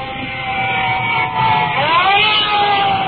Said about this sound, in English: And looking over my shoulder, additional fire trucks are pulling up and are coming in directly behind us. I can hear their sirens, so we'll just stand by.